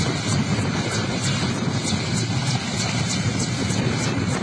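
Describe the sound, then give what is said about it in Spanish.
A helicopter roars steadily overhead, its heavy rumbling engine mixed with a rhythmic whooshing chop of rotor blades and wind-like noise, loud, with no voices. “Ahí está el helicóptero, ¿no? Estaba sobrevolando aquí.”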